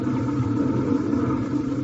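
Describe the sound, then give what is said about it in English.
A car engine rumbles low and steady as a vehicle eases out of a garage attached to a house, through its big door, a continuous drone with no voices over it. “He drives out and you don't do nothing?”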